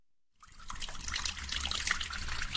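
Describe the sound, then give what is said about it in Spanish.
After a moment of silence, water starts running from a tap in a steady trickle with a bright, splashy texture that continues unbroken to the end. “Imagina un mundo sin agua.”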